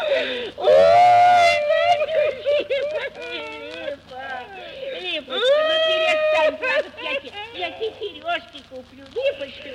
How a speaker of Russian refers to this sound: ну, голубушка, ну не плачь